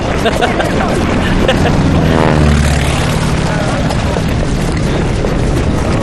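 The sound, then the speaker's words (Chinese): Propeller airplanes escorting a military unit toward Yanmen Pass roar overhead, a loud, steady engine drone filling the whole stretch, with the pitch swelling and shifting midway as they pass. “不但不打咱们，还派飞机护送咱们去雁门关。”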